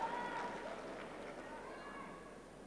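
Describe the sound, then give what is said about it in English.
The crowd in the Wimbledon tennis stadium murmurs steadily during a Djokovic match, a soft, continuous blend of many indistinct voices with no single speaker standing out, holding an even level throughout. “A bit of murmuring around the crowds.”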